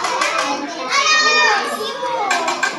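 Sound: kindergartners chattering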